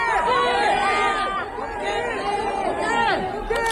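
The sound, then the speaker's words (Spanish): A dense crowd of fans in Seoul, South Korea, shouts and calls out together, loud and continuous. Many overlapping high-pitched cries rise and fall as they chant the name of Koke, captain of Atlético de Madrid. “Estos gritos se pueden escuchar su nombre, son por Koke, el capitán del Atlético, que también es muy querido en el país asiático.”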